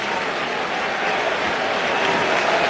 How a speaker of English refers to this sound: Now the crowd here at Wrigley making noise, trying to help Gausman get out of the frame.